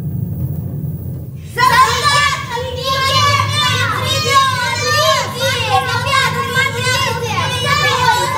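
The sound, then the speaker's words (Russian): A group of village children running and shouting excitedly all at once, their high voices overlapping continuously over a low rumbling background, starting abruptly after a moment of near quiet. “А кто это бежит, а? Что они кричат?”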